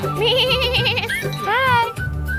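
A sheep behind a fence bleats twice, each call a loud, quavering, wavering tone, with a brief pause between them over a low background murmur.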